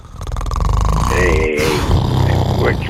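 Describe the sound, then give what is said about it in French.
A voice imitates snoring, a rough, rattling grunt drawn out for a few seconds with a wavering, throaty buzz and no words. “T'es en train de me ronfler ça à cause d'en dire que je dis une niaiserie.”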